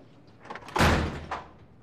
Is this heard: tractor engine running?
no